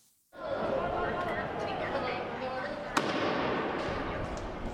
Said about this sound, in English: Another tense day in La Paz, with protesters blocking streets and lighting firecrackers, and police responding with tear gas.